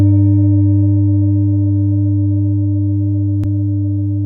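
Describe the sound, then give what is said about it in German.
A meditation singing bowl rings with a deep, steady hum and layered shimmering overtones, sustained and slowly fading, with one brief click partway through. No one speaks. “Und trotzdem, dieser Klang von den Klangschalen, dieses tiefe Vibrieren.”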